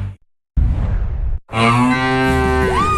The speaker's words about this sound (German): Finde eine der letzten beiden muhenden Müllermilchflaschen und gewinne 50.000 €.